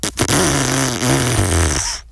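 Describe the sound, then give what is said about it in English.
A long, loud, rasping low-pitched sputter lasting about two seconds, sounding more like a drawn-out fart than an engine, offered as a sound effect for a car with a faulty exhaust. “That was supposed to be a car with a crook exhaust, but we couldn't find the right sound effect.”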